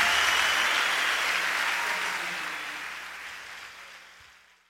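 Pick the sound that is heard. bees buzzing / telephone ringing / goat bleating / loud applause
loud applause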